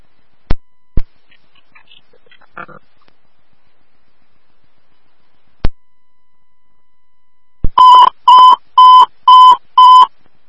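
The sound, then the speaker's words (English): A smoke detector alarm going off in the trash beeps five times in a steady, evenly spaced run, loud, preceded by a few sharp clicks and a stretch of near silence. “We have a smoke detector going off in the trash.”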